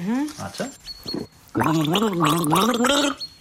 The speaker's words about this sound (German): Also ich gurgel dir einen Song und du musst erkennen, welcher es ist.